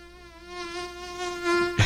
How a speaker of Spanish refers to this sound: Sí, del mosquito.